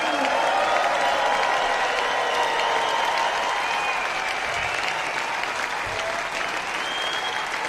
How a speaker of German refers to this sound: Klassik Open Air Nürnberg 2026. Ein großes Dankeschön. Ein großer Applaus geht an die Nürnberger Symphoniker und Jonathan Darlington.